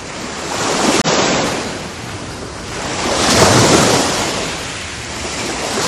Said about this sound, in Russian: Шторм на горном озере. Наверное, многим покажется странным, что на озере может подняться шторм. Но если озеро очень большое и глубокое, сильный ветер без труда поднимает на его поверхности большие волны и гонит их к берегу.